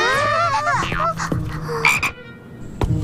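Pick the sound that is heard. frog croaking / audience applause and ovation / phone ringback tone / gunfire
frog croaking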